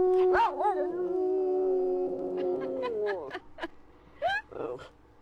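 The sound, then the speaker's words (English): A dog, urged to sing, lets out one long, sustained howl that wavers at the start and holds steady for a few seconds, followed by a few short, softer yelps and whines. “Oh, you silly dog.”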